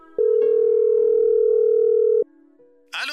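A single long, steady telephone ring tone buzzes on the line for about two seconds as a son calls his father from his aunt's home, then drops to a quieter hum before a brief crackle, as if the call is picked up.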